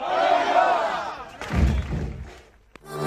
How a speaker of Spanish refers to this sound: El grito final de la temporada, poner el fin a esta bonita temporada, así que vamos a hacerlo todos juntos, ¿vale?